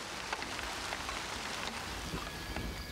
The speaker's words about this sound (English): All plants need water, so a bit of rain is always welcome.